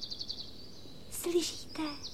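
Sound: small bird singing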